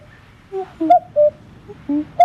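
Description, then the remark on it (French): A common cuckoo sings its soft two-note call, repeated three times in quick succession, clear with no voices over it. “Notre star aujourd'hui est plus sonore que visible, c'est le coucou gris. Et vous connaissez sûrement son chant, écoutez-le.”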